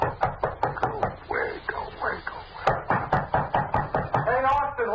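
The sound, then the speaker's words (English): Rapid, steady knocking on a room door in Cairo on a hot night, many sharp raps in quick succession that carry on throughout, with a muffled voice briefly audible between bursts of knocks. “Just gonna let him knock.”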